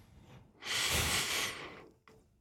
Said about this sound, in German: Du musst am Schluss nochmal, wenn du die Nase einschnaufen, musst du nochmal ein bisschen einschnaufen durch die Nase.